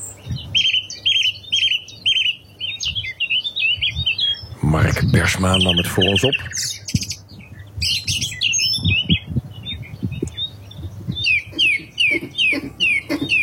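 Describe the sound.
A nightingale and a song thrush sing steadily together from hawthorn shrubs on Landtong Rozenburg, with bright, repeated whistled phrases and rapid trills, along with the sound of a bicycle. A man briefly speaks partway through while the singing continues.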